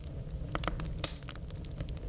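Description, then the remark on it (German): A campfire sound effect played from a sound database: irregular crackles and sharp pops over a low, steady rumble, like a small campfire burning, with one louder snap standing out midway. “Also ich will mehr Lagerfeuer.”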